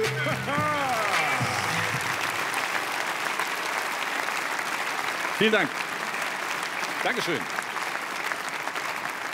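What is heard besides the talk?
audience applause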